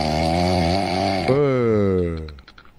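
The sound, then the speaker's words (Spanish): A single loud, drawn-out recorded human snore, with a raspy droning tone that shifts pitch midway before fading out. “Pero me pidió que no lo queme más con los ronquidos, así que no le voy a decir que”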